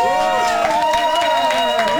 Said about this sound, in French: Je n'ai limite plus envie de faire la chronique, juste vous écouter m'applaudir. Merci.